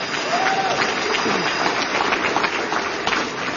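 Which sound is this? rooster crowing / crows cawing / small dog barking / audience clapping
audience clapping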